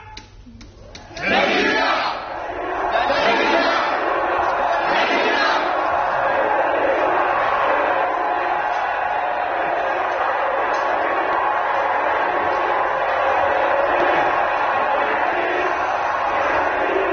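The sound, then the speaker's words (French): After a brief quiet moment, a large crowd of prisoners, guards, a professor and a television crew bursts into loud, continuous shouting and yelling as it enters a theatre stage during a play, many voices roaring together and holding steady for around fifteen seconds. “La foule est entrée sur le plateau, les prisonniers, les gardes, le professeur aussi, une équipe de télévision.”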